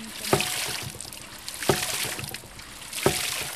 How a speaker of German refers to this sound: hat man eben mit Hilfe dieses Widders das Wasser nach oben gepumpt. Und da spritzt es